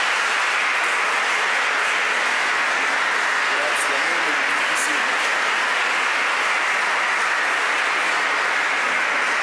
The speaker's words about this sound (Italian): Vorrei invitare il sindaco a salire sul palco. I would like to invite the mayor of the city. Un applauso al sindaco.